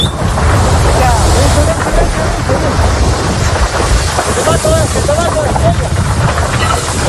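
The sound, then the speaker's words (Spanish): A wildfire's flames roar in a loud, steady, rushing wall of noise, with crackling texture and wind-like gusts, as Infoca firefighters try to put out the fire while the flames grow and close in dangerously on them; their voices call out intermittently beneath it. “Son miembros del Infoca, intentan apagar el fuego, pero las llamas crecen y se acercan peligrosamente hacia ellos.”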